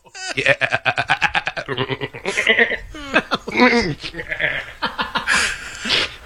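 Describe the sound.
A voice in a studio imitates a goat with loud, quavering bleats and screams, a rapid string of wavering cries, breaking into strained, chuckling yelps toward the end.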